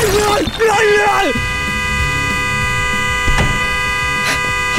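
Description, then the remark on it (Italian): A car horn blares in one long unbroken tone for the whole stretch, loud, set off by a person's head resting on it inside the car, while a voice speaks briefly over it at the start. “Oh, scusi, sposto la testa che fa rumore con lo clacson, che c'è la gente che dorme.”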